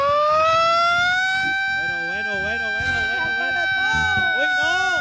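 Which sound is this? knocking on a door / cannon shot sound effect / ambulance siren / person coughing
ambulance siren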